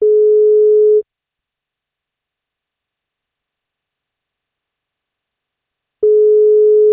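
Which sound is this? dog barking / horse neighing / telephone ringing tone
telephone ringing tone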